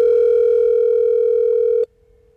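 A telephone ringing tone from an outgoing call placed by radio station LAFM to its weekly prize winner sounds once as a steady electronic hum for nearly two seconds, loud, then cuts off abruptly into near silence. No one speaks.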